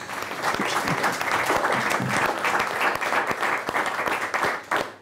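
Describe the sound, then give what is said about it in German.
Sustained applause from a studio audience welcoming a teacher from Düsseldorf as she joins, a dense wash of many hands clapping at steady volume for several seconds before tapering off near the end. “Ich glaube, das war auch ein ganzes Stück weit Ihr Applaus.”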